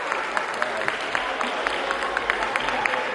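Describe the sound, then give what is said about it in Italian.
Steady applause fills a parliamentary chamber, many hands clapping in a dense, crackling wash with sharper individual claps popping through, sustained throughout at moderate loudness. “Non sono per lei questi applausi. Non è per me l'applauso.”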